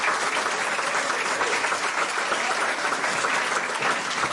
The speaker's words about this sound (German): Und ich freue mich sehr, dass der Schauspieler Jan Krautel nach wie vor mein Gast ist. Nochmal einen herzlichen Applaus, bitte.